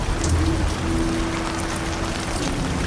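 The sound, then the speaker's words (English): Steady rain falls outdoors, a dense, even patter of drops hitting the ground, with a faint low hum running underneath and no voices. “Probably all coming out the ground now because it's rainy.”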